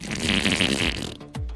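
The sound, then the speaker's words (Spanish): A long, wet, sputtering fart, forced out by the effort of a sneeze, rumbles loudly for over a second, then breaks off and ends in a short final blurt. No one speaks. “Pero el esfuerzo del estornudo se le salió otro gas.”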